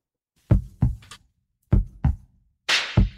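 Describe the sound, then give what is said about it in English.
A deep, thudding heartbeat sound effect in a promo for the KPFA radio station pulses three times in lub-dub pairs at a steady rhythm, loud, with a brief airy whoosh over the final beat. “We're feeling the heartbeat of independent media.”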